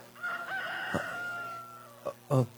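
A rooster crows once, a long, loud, drawn-out call that rises and holds before trailing off, followed by a couple of short, sharp clucks.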